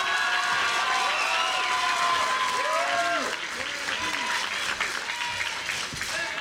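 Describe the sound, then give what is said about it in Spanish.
Sustained applause for farm producers from a sizable audience at the third agricultural fair in Pinos, 2026, loud and dense throughout, with some voices and cheers mixed into the crowd noise. “Pero en esta tarde, de manera muy especial, el aplauso para todas y para todos ustedes, amigas y amigos productores. Un aplauso fuerte, que se sienta la emoción en esta tercera Expo Feria Agropecuaria Pinos en su edición 2026.”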